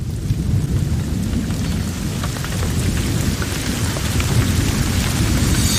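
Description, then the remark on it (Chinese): A thunderstorm at the start of the rainy season rumbles steadily, deep low thunder rolling beneath a constant hiss of heavy rain, loud throughout with no voices. “雨季的第一道闪电划过天空”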